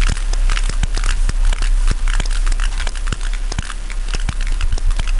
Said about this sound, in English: So these clicks, these sounds, is really the history of these most ancient whales on Earth.